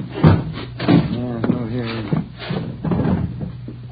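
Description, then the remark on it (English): The door of room 345 on the third floor is unlatched and opened: a few sharp clicks and knocks, followed by a drawn-out, pitched creak and a soft thud, all over a low, steady hum. “Open it up, please.”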